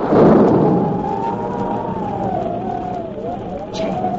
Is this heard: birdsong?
no